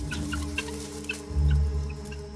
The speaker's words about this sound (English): The guinea fowl huddle together, a squawking, formidable mob.